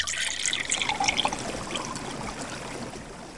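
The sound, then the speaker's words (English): Clear water springs up from a little hole dug in the earth with a stick and trickles steadily, a bright, sparkling flow, slightly busier at first and then settling into an even babble with no voices. “Beautiful, clear, shining, pure water of fountain sprang up from the earth.”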